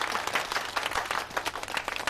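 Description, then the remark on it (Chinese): A group of people break into steady applause welcoming a bank president back to work, dense overlapping claps sustained at even loudness throughout, without any talking. “欢迎郝伟行长重返工作岗位， 鼓掌。”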